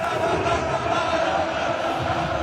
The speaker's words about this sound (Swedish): Nu blir det sportnyheter med Patrik Ljunggren, bland annat om ett fotbollslag som tog en historisk seger igår kväll. Det var brittiskt jubel i Leipzig igår kväll.